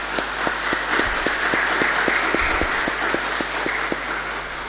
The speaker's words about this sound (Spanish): Le regalamos un fuerte aplauso, ¿le parece?